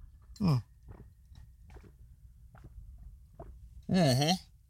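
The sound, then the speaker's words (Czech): Someone drinks from a bottle holding half a litre of water: a loud voiced gulp opens it, several faint swallowing clicks follow at steady intervals, and a second loud, drawn-out throaty burst closes it. “Já tady mám 0,5 litru vody, tak si to dáme takhle živě.”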